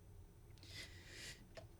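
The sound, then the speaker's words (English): A single quiet sneeze: a sharp, breathy burst of hissing air that drops off quickly, followed by a faint click, with no talking around it. “Bless you.”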